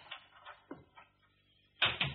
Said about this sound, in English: someone just came into the house. I heard the front door close.